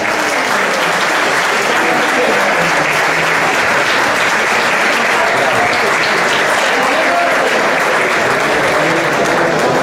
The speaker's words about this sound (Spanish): Así que, a mi señal, empezamos a contar desde tres. Tres, dos, uno. ¡Adelante! ¡Fuerte aplauso!